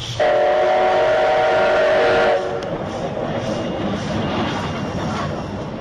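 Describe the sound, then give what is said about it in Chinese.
A loud, sustained steam locomotive whistle blows for about two seconds, then gives way to the steady rumbling clatter of train wheels rolling along the track. “这是蒸汽火车汽笛和轨道的行进声音。”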